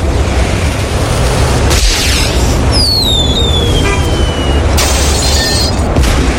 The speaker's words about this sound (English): Mike, can I set off the firework?